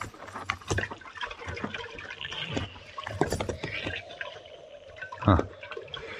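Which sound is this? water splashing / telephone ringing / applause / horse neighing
water splashing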